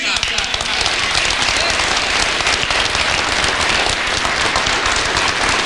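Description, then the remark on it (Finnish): A large crowd at a party council meeting bursts into loud, sustained applause as Purra criticises SDP chair Antti Lindtman, a dense wash of clapping that stays steady and full for several seconds, with faint voices mixed into the noise. “Puoluevaltuuston kokouksen yhteydessä Purra moitti etenkin SDP:n puheenjohtaja Antti Lindtmania saaden suuret aplodit.”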